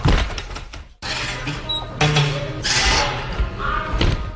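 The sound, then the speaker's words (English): The front door of the Spotted Cat bar on Frenchman Street swings shut with a solid thud and rattle, set against a busy, noisy room with indistinct background chatter. “That was the door of Spotted Cat on Frenchman Street.”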